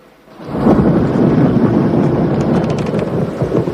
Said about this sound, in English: A nighttime thunderstorm lights up the sky.